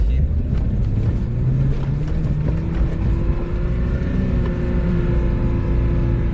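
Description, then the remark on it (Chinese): An off-road car's engine runs hard and steady on soft sand as the driver gives it heavy throttle, a low droning roar with rising harmonic tones as it revs, accompanied by rumbling and wind noise, with no clear talking. “你看现在这个车挂了第四二档，动力是够的，然后呢，你就是很给油，很给油。”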